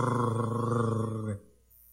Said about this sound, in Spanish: Porque ahí viene el Rottweiler.